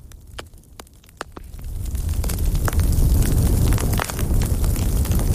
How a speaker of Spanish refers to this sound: pero nos queda esta chimenea tan sugerente.